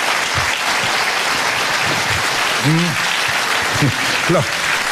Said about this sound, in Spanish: Los que están aplaudiendo son los que lo pescaron. Y los que no aplaudieron también lo pescaron, pero no quisieron aplaudir.